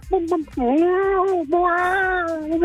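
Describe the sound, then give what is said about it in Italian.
A voice imitates a hen in heat but comes out as a cat-like yowl: a few short yelps, then a long, loud, wavering meow-like wail that briefly breaks before continuing. “No, fammi adesso la gallina in calore.”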